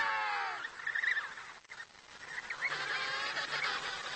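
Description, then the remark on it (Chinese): A dense chorus of penguin chicks calling excitedly as they see their mothers returning home with bellies full of fish, shrill overlapping cries rising and falling almost continuously, with only a brief lull midway before the clamor picks up again. “小企鹅高兴地狂叫起来。”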